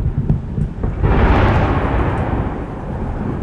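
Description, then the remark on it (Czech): Heavy explosive booms with a deep, roaring rumble; a few duller thuds lead into a loud blast about a second in, whose noisy roar lingers and rolls on to the end. No voices. Several strong explosions in Odesa, Ukraine, shortly after an air-raid alert during a Russian missile attack. “Krátce po vyhlášení vzdušného poplachu se v Oděse ozvalo několik silných explozí.”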